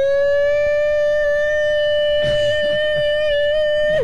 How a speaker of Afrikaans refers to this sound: Het luchtalarm wordt afgeschaft, hoor.